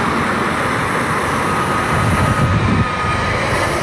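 An OC Transpo O-Train light rail train rumbles past on its tracks, a steady loud roar of wheels and motor with a faint high whine, swelling slightly midway before continuing.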